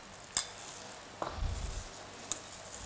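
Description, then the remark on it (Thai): Chopped egg whites tumble into a pan and get stirred apart while making a tossed laab: a steady soft sizzle with three sharp utensil clicks and a brief low scraping thud in the middle, fairly quiet. “คราวนี้เรามาดูวิธีการคลุกเลยนะคะเราก็เริ่มจากนำไข่ขาวที่เราหั่นไว้แล้วนะคะใส่ลงไป”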